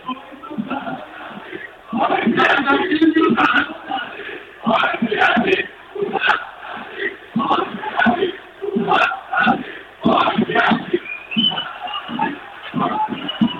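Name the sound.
arena crowd booing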